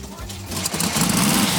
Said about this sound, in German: wir werden einmal dieses wunderbare, schöne Geräusch von diesem luftgekühlten Motor hören.